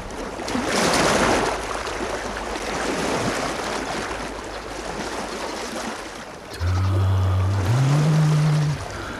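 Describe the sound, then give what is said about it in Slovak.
Calm sea waves wash steadily, a soft continuous surge of water. Near the end a loud, low droning hum cuts in, like a boat's engine or horn, rising slightly in pitch. “More. Pokojné, priezračné ako kryštál.”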